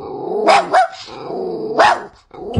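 A puppy barks in several sharp, high yaps mixed with low, rumbling growls, fairly loud, with a brief pause before the growling resumes.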